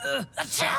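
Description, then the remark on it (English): A single loud sneeze brought on by dust while sweeping and moving boxes: a rising voiced 'ah' with a brief catch of breath, then a sharp, hissy burst that trails off into a voiced tail. “All this dust is making me...”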